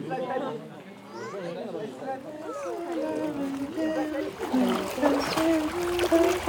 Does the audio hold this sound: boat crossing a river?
yes